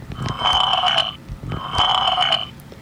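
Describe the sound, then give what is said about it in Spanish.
Two loud, drawn-out slurps, each lasting about a second with a brief pause between, wet and gurgly, alone, likely a voice imitating a noisy monster slurping. “3 monstruos ruidosos sin necesidad de eructar, pero uno de ellos, la leche decrépita, comenzó a sorber.”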